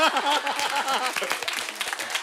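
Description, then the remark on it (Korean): Quick, eager seal-style hand clapping bursts out, a fast run of sharp claps mixed with excited voices and laughter at the start. “물개 박수를 쳐서 물개 박수를.”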